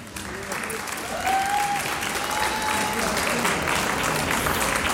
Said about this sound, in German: Es geht gleich weiter mit einem Volksschulchor aus dem Bezirk Völkermarkt, ganz genauer gesagt aus der Bezirkshauptstadt Völkermarkt. Wir begrüßen mit einem kräftigen Applaus den Schulchor der Volksschule Stadt Völkermarkt.